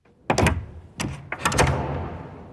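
A door nearby clicks and thuds, then pauses before a longer rattle and bump as it eases slightly open, the sound fading into a soft, lingering room tail. No voices.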